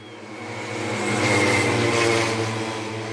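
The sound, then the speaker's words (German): Rattling engines of pacer motorcycles drone loudly and steadily at a stayer cycling race on the velodrome in Forst, Lausitz, Germany, with cyclists riding in their slipstream, swelling as they pass and then easing off slightly, with no voices heard. “So klingen Radrennen in Forst. Vorneweg knattern die Motoren der Schrittmachermaschinen.”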